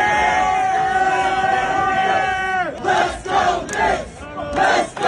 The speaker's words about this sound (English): And speaking of those 4 a.m. crowds, this was the scene along the parade route.